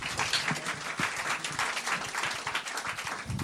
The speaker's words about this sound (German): Okay, eine Applausstufe höher, wo man sagt, ja, war ganz nett, hat nicht wehgetan, ich konnte dem Ganzen noch folgen, war okay, dass das Teil des Abends war. Wie klingt dieser Applaus? Bitte jetzt!